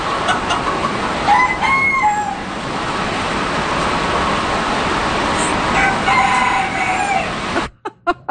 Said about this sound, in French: Des animaux et de la pluie, c'est ça qu'on entendait, la forte pluie. Plus d'une centaine d'animaux se trouvaient ici. On a entendu des coqs cette fois-ci